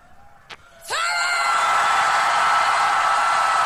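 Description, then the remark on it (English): A large crowd erupts into a loud, sustained scream on the count of three, starting abruptly after a brief sharp sound and holding at full volume, a dense wall of voices filling the space. “That is, I wonder, however, if I count to three, and on three you would scream even louder.”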